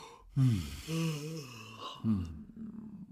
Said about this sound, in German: Und du machst gerade Eine Bewegung, als würdest du gähnen? Gähnen, ja.